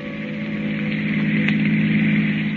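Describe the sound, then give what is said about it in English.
A long black car's engine drones steadily as it speeds along a highway at night, a continuous low humming rumble with a faint hiss above it, holding an even level throughout with no voices. “The long black car with a handsome man at the wheel and the woman beside him returns to the highway and speeds on through the night.”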